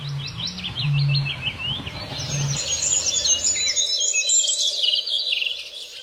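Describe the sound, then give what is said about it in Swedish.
A European greenfinch sings with ringing, twittering trills and a wheezy, slightly bleating quality, continuous, with a low hum in the background for the first few seconds. “Och sen är det en grönfink som sjunger nu också.”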